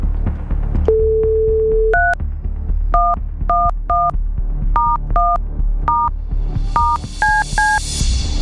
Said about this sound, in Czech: Udělám napětí a jdu volat, protože já už vidím telefonní číslo, které mám vytočit.